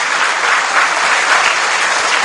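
A crowd applauds steadily, a dense wash of many hands clapping at a constant, loud level throughout with no pauses or voices standing out.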